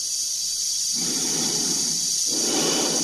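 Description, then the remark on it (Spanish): Slow, heavy breathing inside Dave's red space suit helmet as he walks down an octagonal corridor, two long muffled breaths over a constant airy hiss from the suit's air supply. No one speaks. “Se escucha su respiración dentro de la escafandra.”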